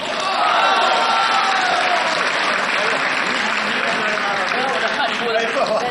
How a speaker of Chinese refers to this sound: 接下来呀，用最热烈的掌声，有请我的恩师上台给您接着说。